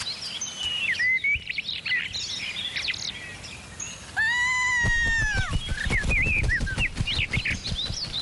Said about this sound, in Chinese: 不知道过了多久，当一个宫女发出刺耳尖叫声的时候，皇宫中除了鸟儿受惊之外，人们并没有多少惊讶